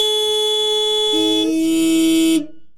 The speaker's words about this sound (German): Seit den 60ern hupen die Menschen gerne als Ausdruck ihres politischen Protests in Autokorsos. Und heute gibt die Hälfte der Autofahrenden an, dass man sich bei Ärger im Straßenverkehr ganz wunderbar mit einem kräftigen Hupen abreagieren könne.